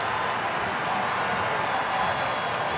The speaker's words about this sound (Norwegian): Tai Chong fyra fra distanse. Ja, det går et sukk gjennom publikum.